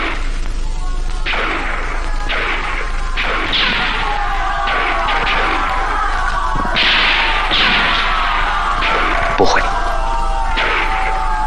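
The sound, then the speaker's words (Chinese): Loud, overlapping shouts from several men burst out again and again, harsh and close, with sharp cracking impacts mixed in among the yelling. “小分队作战，绝不会这么大喊大叫。”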